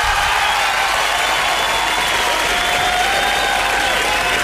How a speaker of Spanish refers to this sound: ¡Qué buena, qué buena! ¡Un aplauso, chiquillo!